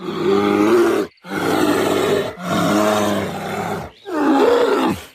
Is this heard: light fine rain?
no